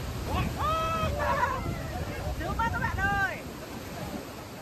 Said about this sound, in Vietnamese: Và bây giờ đang là mùa đẹp nhất của thác Bản Dốc, quá đã luôn. Bắt đầu là đến sát chân thác này, nước bắn vào mát lắm luôn, đã luôn, đã luôn.